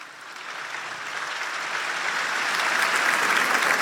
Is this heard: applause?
yes